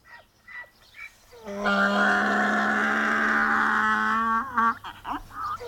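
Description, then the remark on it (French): A tethered donkey brays once in a long, loud, raspy call lasting about three seconds, harsh and buzzing with a steady pitch, framed by faint shuffling sounds before and after. “Mais c'est un âne! Il crie comme ça parce qu'il est attaché.”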